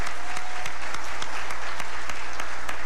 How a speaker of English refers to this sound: This is an achievement worthy of recognition, and I believe the entire class of 2026 deserves a massive round of applause.